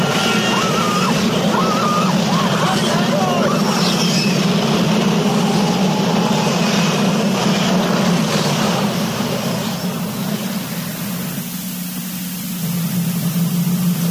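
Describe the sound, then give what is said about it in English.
A tornado roars along a train track, coming up the track toward the speaker: a loud, steady rush of wind-like noise that holds for the whole stretch, easing slightly near the end, with faint whistling tones early on. “A tornado just came around the corner where the train was supposed to. Now it's coming up the track in my direction.”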